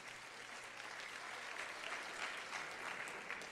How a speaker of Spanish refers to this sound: Denle un aplauso a Dios y puede sentarse.